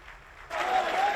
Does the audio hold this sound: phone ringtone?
no